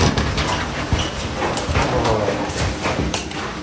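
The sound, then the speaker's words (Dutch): Steady footsteps moving along an indoor corridor toward one of the rooms, moderately loud, with soft knocks and clatter as the room's door is opened partway through. “We lopen naar een van de kamers toe, door de gang heen, de deur open.”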